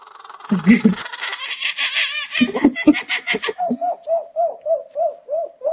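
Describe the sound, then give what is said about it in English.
A 12-year-old boy mimics a kookaburra call, starting with chuckling, laughter-like bursts and settling into a steady run of rhythmic, repeated hooting notes, fairly loud. “They've sent him stuffed birds, kookaburras.”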